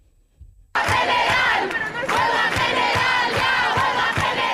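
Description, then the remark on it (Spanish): After a brief hush, a large crowd of protesters, who have surrounded the Congress since 11 a.m. and are heading back to the Puerta del Sol, bursts into loud, rhythmic chanting, many voices shouting together in a steady pulsing beat that carries on without pause. “los manifestantes que han estado rodeando el Congreso desde las 11 de la mañana vuelven ahora hacia la Puerta del Sol.”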